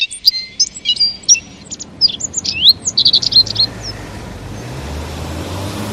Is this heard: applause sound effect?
no